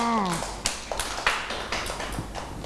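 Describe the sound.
Children clap in scattered, uneven bursts after a brief voice at the start, sharp claps spread over a couple of seconds at moderate volume, not a steady round of applause.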